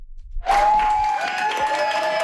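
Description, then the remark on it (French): New Democratic caucus members at Queen's Park applaud a new colleague's entrance: steady dense clapping starting abruptly after a brief quiet moment, with some faint voices and cheers mixed into the crowd noise. “C'est sous les applaudissements de ses nouveaux collègues que Fatima Chaban a fait son entrée dans le caucus néo-démocrate”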